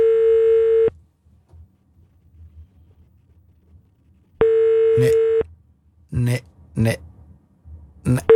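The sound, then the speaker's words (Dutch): Two long, steady ringback tones sound on a phone line during a call to Kiemeke van Onsen, separated by a few seconds of quiet, with no one picking up; brief bursts of a man's voice follow the second ring. “Nu pakt hij niet op, hè. Maar hoe kan dat nu?”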